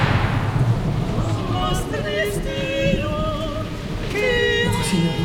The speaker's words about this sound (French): Cette tempête qui s'abat sur vous, avez-vous pas peur que le bâtiment s'effondre?